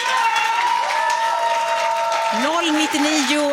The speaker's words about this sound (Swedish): Ditt sista svar, en stor applåd för det gänget.